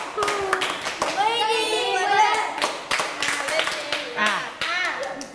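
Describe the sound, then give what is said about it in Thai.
Children clap their hands five times in a run of sharp, uneven claps, mixed with lively, high-pitched children's voices chattering and calling out over them. “ปรบมือ5ครั้ง เปิดได้กว่านี้ปรบมืออีกที”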